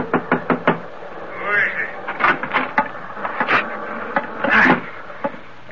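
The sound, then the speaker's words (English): A wooden chart room door on the bridge deck of the ship Scarlet Queen being forced open: a quick run of sharp knocks and thuds, then scattered heavier bangs and creaking strain over several seconds. “What might you be doing forcing entry into my ship's chart room?”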